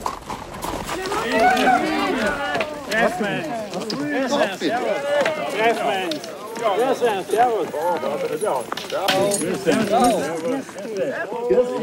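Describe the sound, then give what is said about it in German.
Hooves of Noriker and Haflinger pack horses clip-clop steadily as two packhorse trains, one of Pinzgau packhorse drivers, meet after crossing the border and an hour's descent, a continuous rhythmic clatter heard beneath a busy layer of voices greeting and talking over it. “Die Grenze wurde passiert und nach einer Stunde Abstieg traf man auf andere Pinzgauer Säumer mit Noricker und Haflinger Pferden.”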